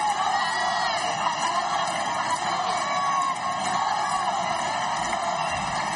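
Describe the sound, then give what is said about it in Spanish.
A large crowd of Ceuta residents cheers loudly and continuously, with scattered whoops and shrill yells rising over a dense wall of voices, as the king and queen step out of the official car to greet them. “Así fue el momento en el que los monarcas salieron del coche oficial para saludar a los vecinos de Ceuta.”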